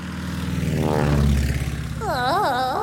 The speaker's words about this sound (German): Und Flugzeug! Flugzeug, genau.